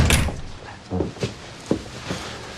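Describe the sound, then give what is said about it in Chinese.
A door is pulled shut: a broad rustling swish at the start, then a few soft, low thuds and clicks spaced out over the next couple of seconds, with no talking. “来来来来，把门带上。”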